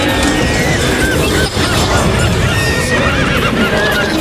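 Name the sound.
horse neighing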